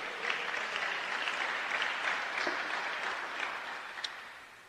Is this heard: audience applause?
yes